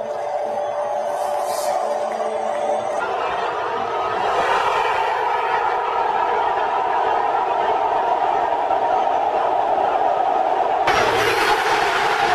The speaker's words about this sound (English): The roar of that crowd, man, is unlike anything you'll ever hear. Absolutely special stuff last night out at SoFi. The audio doesn't even do it justice, man.